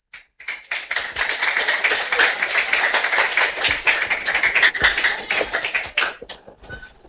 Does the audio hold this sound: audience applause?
yes